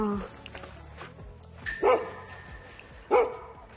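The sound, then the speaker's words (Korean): A neighbor's dog nearby barks twice, two short sharp yaps about a second apart, over a low background hum with faint voices around. “옆집 강아지가 심심한가 봐요.”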